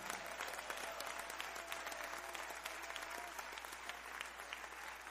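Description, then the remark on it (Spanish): An audience applauds the Lord steadily, with dense, sustained clapping from many hands filling all five seconds at an even, fairly loud level, and no voices standing out. “Si lo crees, dale el mejor aplauso al Señor.”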